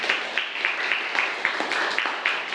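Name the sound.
students clapping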